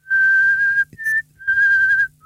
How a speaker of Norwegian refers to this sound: Ja, men prøv, kan du bare plystre en melodi? Du klarte jo melodien.